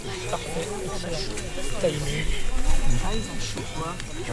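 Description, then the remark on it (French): Cowbells clank irregularly in a field, their bright metallic tones layered over a dense, busy mix of outdoor sound with murmuring voices underneath. “Même les des cloches de vache.”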